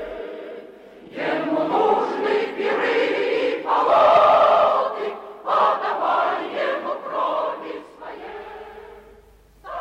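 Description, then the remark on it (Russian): The choir of Old Bolsheviks sings a stirring, march-like revolutionary song of struggle, loud and sustained throughout, with full harmonized chords and brief breaths between phrases before fading out near the end. “это поет хор старых большевиков.”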